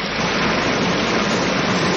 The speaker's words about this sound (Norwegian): Ja, det høres ut som en bekk, rett og slett. Vet du hva? Det du som har rett. Å, ja! Dette er en bekk.